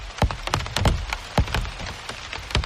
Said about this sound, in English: I must have looked a little crazy with a microphone as if I was interviewing these various plants, listening to their various sounds as the rain fell on them. And these enormous drops that are like a drumstick banging on the leafy drum skins below.